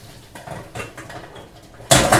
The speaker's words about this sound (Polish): Po takim czasie jajka na pewno są już ugotowane. Więc tak. Biorę garnek, aby je odcedzić. Przelewam wodę po prostu przez sitko.